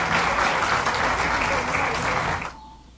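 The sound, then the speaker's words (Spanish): A crowd in Gómez Palacio, Mexico, applauds the President loudly and steadily, dense clapping filling the space for a couple of seconds before cutting off abruptly into near quiet. “Denle un aplauso a la Presidenta que apoyó a Gómez Palacio desde acá.”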